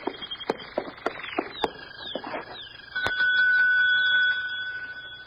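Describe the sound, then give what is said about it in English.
A few footsteps tap along, then a desk bell is struck once, giving a bright, high-pitched ding that rings on and slowly fades over the last couple of seconds. “There's a bell over on the desk.”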